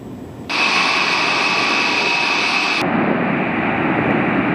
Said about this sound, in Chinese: 我现在正随同空军的运油 20A 飞机飞往埃及的途中，在这架飞机的两侧是两架编队飞行的歼16战机。